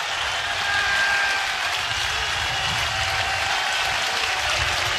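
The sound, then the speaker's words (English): A stadium crowd at an Ole Miss baseball game cheers and claps in one steady, loud roar that holds without a break for the whole five seconds, with no voices talking over it. “And here comes the crowd one more time.”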